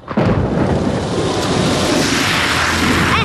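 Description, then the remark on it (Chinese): A loud, sudden rush of splashing water bursts in and roars steadily for a few seconds as a motorcycle speeds through a puddle, splashing water onto a person, with a faint engine whine near the end. “哎呦，你这摩托车要飞啊！溅我一身水啊！”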